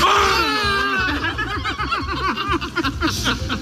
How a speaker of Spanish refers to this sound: Sí, estos eran los gritos de euforia del candidato Ulrich Siegmund y la cúpula nacional, Weidel y Krupala.